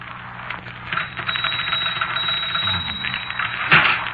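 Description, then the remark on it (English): A typewriter clatters on by itself in a fast, dense run of mechanical key strikes, steady and fairly loud, with a sharper, louder clack near the end. No one speaks. “That typewriter's haunted.”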